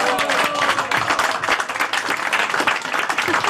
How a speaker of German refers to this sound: Und ich glaube auch, also der Jodelclub Giswil kann richtig stolz sein, dass er so eine Präsidentin hat. Also liebe Damen, liebe Herren, geben doch eurer Präsidentin mal einen richtig schönen Applaus.